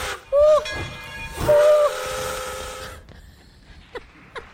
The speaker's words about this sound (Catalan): corre, Violeta, que el tren de les flors no s'espera